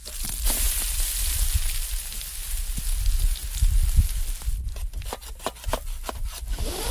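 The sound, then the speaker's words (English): Pancakes sizzle in a pan at a campsite by Parent Lake on a very sunny day, a steady crackling hiss. Sharp pops and clicks come through toward the end, over a low rumble of outdoor wind or handling noise. No one speaks. “I can hear him making pancakes.”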